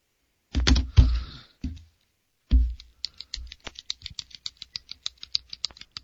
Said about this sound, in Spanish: Que estoy escuchando lo que siempre haces con el bolígrafo.